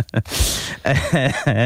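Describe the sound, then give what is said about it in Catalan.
A single harsh, breathy cough bursts out, followed by a few short voiced, laugh-like sounds, from a person coughing after laughing. “Em fa riure, llavors, tuso.”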